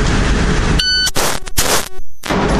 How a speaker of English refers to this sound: All right. Once again, the buzzer will be your cue. Okay. Here we go.